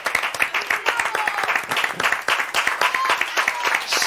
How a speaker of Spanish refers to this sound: Tanto aplauso, tanto aplauso.